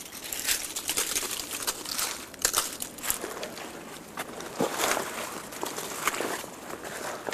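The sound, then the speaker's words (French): Footsteps crunch steadily through a thick carpet of dry leaves on a path where the snow has melted, with crisp crackling bursts at each step and no one talking. “Et vous retrouvez le tapis de feuilles.”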